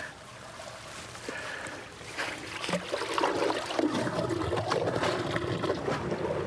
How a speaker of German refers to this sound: Ab Oktober beginnt die Zeit des Abfischens. Zunächst wird das Wasser kontrolliert abgelassen. So, jetzt wird das eine Rohr gezogen, das große Rohr raus und das kleine Rohr kommt rein.